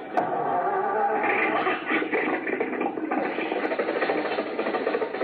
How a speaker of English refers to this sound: The motor's going. Back the car out of the garage.